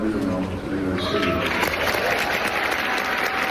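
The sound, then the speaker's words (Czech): Orchestra musicians burst into loud, sustained applause with cheering voices on being told Dudamel would be their new chief conductor, dense clapping continuing steadily without a break. “Když hudebníkům oznámili, že bude jejich novým šéfem, propukli v jásot, jaký byste čekali spíš od fanoušku.”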